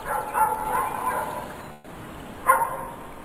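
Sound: puppy barking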